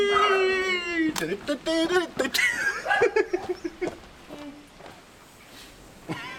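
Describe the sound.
A dog lets out a long, drawn-out howl that slides downward in pitch, followed by choppy yelps and voices with some laughter before things settle into quiet.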